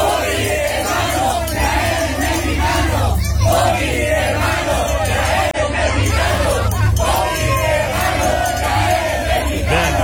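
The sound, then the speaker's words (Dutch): A loud crowd of Mexican cycling fans chants together by the team bus at a cycling race, a steady, rhythmic call, voices rising and falling in repeated phrases over a constant roar of cheering. “Er waren gewoon spreekkoren bij de bus in het wielrennen.”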